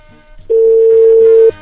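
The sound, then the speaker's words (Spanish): A telephone ringing tone over the line as a listener's call to Radio Gallito goes through: a single loud, steady electronic beep at a constant mid pitch, lasting about one second, with a faint low hum before and after and no talking. “Ahí está ya timbrando, nos dice.”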